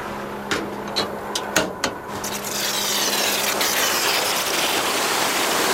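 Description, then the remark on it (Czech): A few metallic clanks and knocks over a low engine hum, then a strong, steady rush of water gushing out as a Jihlava city services tanker truck pumps water into a low, green pond to top it up, loud. “vidím přijíždět cisternu služeb města Jihlavy, aby aspoň trochu doplnili teď zelenou chabou lagunku.”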